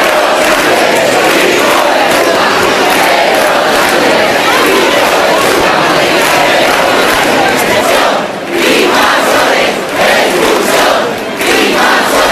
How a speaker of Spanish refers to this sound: se congregaron ayer en la plaza del Ayuntamiento, como decimos, en apoyo a Ceuta, y en la que se escucharon insultos al presidente, como Pedro Sánchez, hijo de puta, invasiones, expulsión y gritos de Marlaska dimisión.